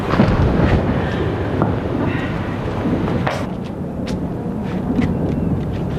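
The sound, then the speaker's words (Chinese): A steady, heavy wash of rain hisses throughout, with deep rumbling thunder rolling underneath and a few sharp cracks and spatters standing out near the middle and end. “下雨了， 走吧，走吧。”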